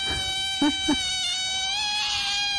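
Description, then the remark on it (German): Baby otters, five newborns in Berlin, squeak in a sustained, high-pitched whine with many bright harmonics, wavering slightly in pitch, joined by a couple of short lower chirps near the start. “Das sind nämlich tatsächlich Otterbabys.”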